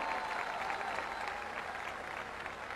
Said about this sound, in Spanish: Los únicos, fuerte el aplauso para ellos, por favor.